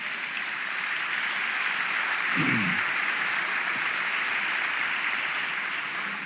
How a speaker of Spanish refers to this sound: ¿Cuánto le damos una ofrenda de palmas al Señor?